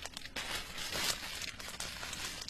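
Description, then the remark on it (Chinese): A large black plastic bag of unusually large size with a special diamond-pattern weave, found at a crime scene, is handled, giving a steady run of crinkling and rustling with a few sharper crackles throughout, with no voices. “这么大规格以及特别的菱形丝口的黑塑料袋，各大超市和大卖场啊还真没有。”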